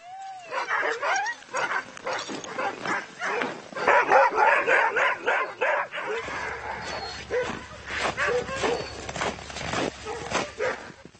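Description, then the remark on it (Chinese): A pack of dogs barks and yips excitedly in the morning before setting off on a journey, in rapid, overlapping loud bursts, with a rising whine at the start and a low rumble joining partway through. “今天早上所有狗都很高兴，他们肯定感觉到这是个重大的离别时刻。”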